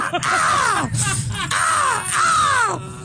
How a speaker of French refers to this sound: Mais voici la corneille ce matin. Okay.